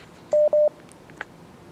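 Two short, steady electronic telephone dialing tones sound in quick succession on a telephone or WhatsApp call line, each about a sixth of a second, clear and fairly loud, followed by a faint click and low background hiss.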